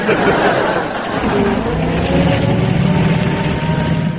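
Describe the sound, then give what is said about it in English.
An old lorry engine rumbles steadily, a loud, low drone with a rough idling throb that carries on without a break for the whole few seconds. “It's an old lorry, you know.”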